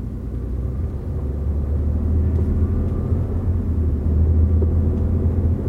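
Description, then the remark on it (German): A helicopter, call sign Wispy 02, its rotor and engine droning steadily in a deep, continuous rumble, loud, swelling slightly toward the end with no voices heard. “Zentrale, hier Helikopter Wispy 02.”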